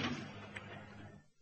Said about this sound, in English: The door.